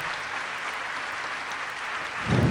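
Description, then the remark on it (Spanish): Steady, dense applause from a crowd fills the space, a broad crackling wash of many hands clapping at once, holding level and swelling slightly louder near the end. The applause welcomes a Chilean musician. “Que ese aplauso sea más largo para recibir a un amigo, un musicazo chileno”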